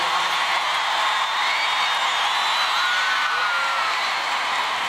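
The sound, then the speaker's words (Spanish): A crowd at a live event applauds steadily with scattered cheers and whoops rising above the dense clapping, sustained at an even level for the whole stretch. “Un aplauso fuerte para Felipe y Jorge de Perú.”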